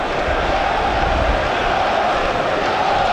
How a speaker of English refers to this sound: Well, the West Ham fans cheering every moment where Arsenal make a mistake at the moment. That's just ratcheting up the pressure at the moment.